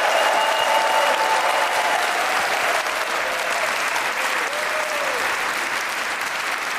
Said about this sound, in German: Das ist der Applaus für Sie, Musiker des WDR-Sinfonieorchesters, das Brassquintett und die Kolleginnen und Kollegen vom Klassikforum, das ins 40. Jahr geht.